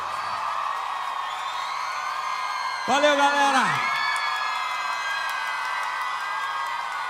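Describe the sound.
A large crowd applauds and cheers steadily throughout for the performers, a dense roar of clapping and shouts, while a man briefly calls out over the noise near the middle.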